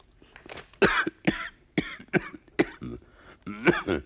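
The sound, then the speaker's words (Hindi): A run of about seven harsh coughs in quick, uneven succession, some raspy like throat clearing, with no talking between them. “ये हलक में क्या हो रहा है? ये नसें मेरी क्यों खिंच रही हैं?”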